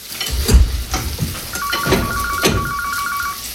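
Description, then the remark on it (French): A telephone starts ringing partway through, a steady, trilling electronic tone over the sizzling and clatter of pans as someone cooks, with no one speaking. “tu peux répondre au téléphone, s'il te plaît?”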